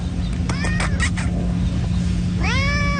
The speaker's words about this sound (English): Seemed very friendly, gave me a nice little friendly meow. I pet him a little bit, and we saw him more and more and more over the years.